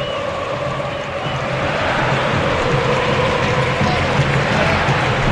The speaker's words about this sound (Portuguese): Está terminando o jogo. Ouça a torcida aqui na arena.